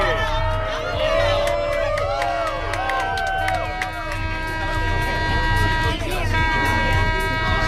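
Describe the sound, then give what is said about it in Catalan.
A crowd of passengers aboard the boat Tarragona Blau cheers and shouts excitedly at sea during an eclipse, with overlapping whoops and high calls over a steady low engine rumble, loud and continuous throughout. “Aquest ha estat el moment de l'eclipsi dins del mar, a bord del vaixell Tarragona Blau.”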